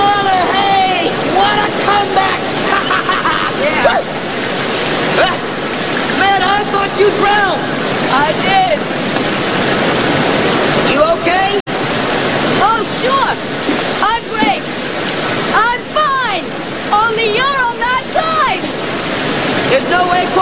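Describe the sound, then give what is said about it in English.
A loud, continuous roar of rushing river rapids and a waterfall fills the whole stretch, with two people, one clinging to overhanging foliage and one on a rock, calling out and shouting to each other over the churning water. “We just went over a waterfall.”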